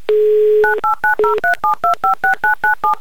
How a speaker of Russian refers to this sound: Номер телефона мы набрали.